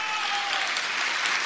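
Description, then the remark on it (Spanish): An audience applauding steadily for the Lord, a dense wash of many hands clapping together at an even, fairly loud level for the whole moment, with no talk over it. “Fuerte ese aplauso, sea para el Señor.”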